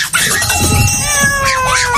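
A cat lets out a loud, drawn-out meow that stretches into a wavering yowl, sliding down in pitch over about two seconds, continuous.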